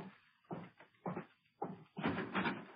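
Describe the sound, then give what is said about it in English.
A series of heavy knocks on a door, four or five firm raps in uneven rhythm, somewhat muffled, with no voices. “Leif wouldn't knock.”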